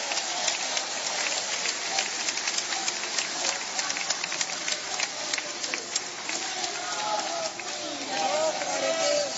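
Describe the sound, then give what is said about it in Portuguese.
An audience at a sermon claps steadily and densely as the preacher calls for glory to be mixed with the clapping, a continuous patter of many hands that holds for the whole stretch, with scattered voices and raised exclamations rising through it toward the end. “Oh glória, mistura a glória com essas palmas aí, meus irmãos.”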